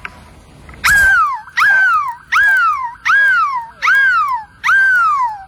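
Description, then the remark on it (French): A person imitates a seagull with six loud, piercing cries in a steady rhythm, each a sharp high onset that slides down into a wavering, falling squeal, performed live at Place de la République in Lille for the radio station Énergie. “Et aujourd'hui, le plus grand cri de mouette au monde va vous réveiller.”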